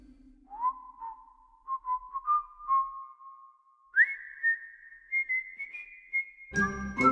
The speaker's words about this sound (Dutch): En hij kan nog fluiten ook.